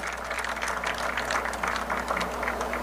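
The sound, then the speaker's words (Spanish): A crowd applauds Member of Parliament Mike de Meza steadily for about three seconds, a dense, even patter of many hands clapping at a fairly constant level, with a low hum underneath and no voices. “Ese mi quiero pedir un fuerte aplauso también.”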